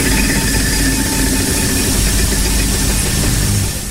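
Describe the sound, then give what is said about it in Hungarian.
A game wheel, spun by a player in a letter-guessing game, spins with a dense, rapid rattle of ticks over a steady whirring hum, loud and continuous for a few seconds before easing slightly at the end, landing on 8000 points. No one speaks. “Nem nézem még meg, hogy hova került a T, mert még abból se tudnám egyelőre, úgyhogy pörgetek.”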